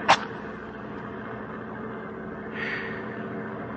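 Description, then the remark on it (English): Steady, low engine drone of an armored truck on the move, a continuous rumble with a brief sharp rustle at the start and a soft breathy swell near the end. “Oh, it sure gets hot in these armored trucks.”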